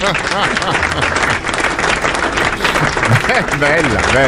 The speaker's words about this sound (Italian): Grazie, ringrazio. Applausi.